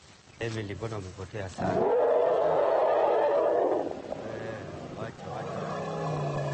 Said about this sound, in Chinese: 这时艾米丽和小象发出了一阵吼声，这叫声似乎很熟悉，对照一下声谱图。曲线呈中型，这应该是问候。